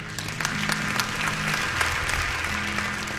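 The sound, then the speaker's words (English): Scattered applause from a church audience during a sermon, a steady patter of many hands clapping at moderate volume over low crowd murmur, lasting a few seconds without a clear rhythm. “5% of the people are clapping.”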